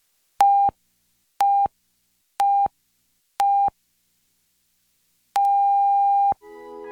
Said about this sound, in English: The National Research Council official time signal. The beginning of the long dash indicates exactly 1 o'clock Eastern Daylight Saving Time.